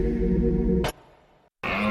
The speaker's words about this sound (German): Wenn der Hirsch röhrt, ist Jagdfinale bei Little John Bikes.